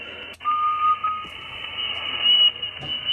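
Radio interference on a busy band, from an operator tuning his antenna by whistling into it and turning the knobs for maximum output power: a steady high whistle runs throughout, joined by a brief higher tone and short clicks over crackling noise; no one speaks.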